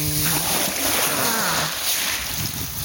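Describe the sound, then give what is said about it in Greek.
Sea water splashes and churns steadily, with a broad rushing wash and some wind, as though alongside a moving boat; a faint low tonal hum sits underneath. The sea at Santorini, Greece, on a breezy day. “Ήχος, παιδί μου, από τη θάλασσα, αυτό είναι, αυτό είναι.”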